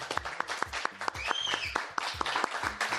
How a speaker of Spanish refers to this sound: Es sábado desde este paraíso, desde el inicio de las rutas W, desde nuestra casa, el Life Aqua, San Miguel de Allende. Aplausos, por favor.